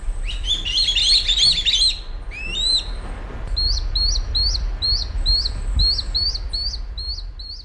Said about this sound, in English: On Sunday, an adult kite delivered food, a small bird of some kind, to what were obviously its begging fledglings. It sounded something like this.